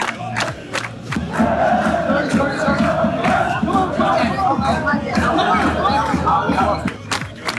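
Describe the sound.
A dense crowd of football fans cheers and shouts in the street in Miami Beach, Florida, on a very hot day, a loud, continuous roar of many overlapping voices pressing in close all around, with occasional sharp bangs.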